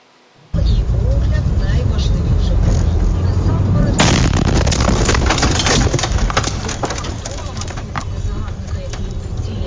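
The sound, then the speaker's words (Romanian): A Russian kamikaze drone explodes beside a car in Zaporizhzhia, Ukraine, in broad daylight, recorded from inside the car: a sudden violent blast cutting through steady loud rumbling, followed by seconds of crackling, splintering debris and rattling noise as the car is heavily damaged. “O cameră de bord a surprins astăzi momentul când o dronă kamikaze rusească lovește într-o localitate.”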